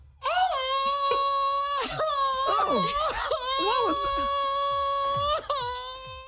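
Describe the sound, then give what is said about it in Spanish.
A man lets out a long, loud, sustained wail with strong harmonics after eating spicy salsa, cracking into sobbing moans and breaks, while other people speak briefly over it. “Está llorando.”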